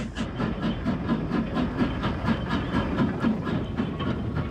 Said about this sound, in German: Bei frostigen Temperaturen fährt der Salon Rouge in die Endstation ein. Hier heißt es, bitte aussteigen.